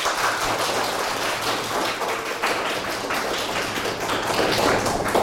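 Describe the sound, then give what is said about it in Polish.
Steady applause from an audience, a dense patter of many hands clapping at once that holds its level throughout, with no voices over it. “Poproszę też o brawa.”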